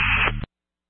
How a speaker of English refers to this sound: I'm only hearing the static. I'll try to phone call you.